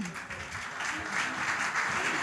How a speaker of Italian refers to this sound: Grazie, ancora un applauso.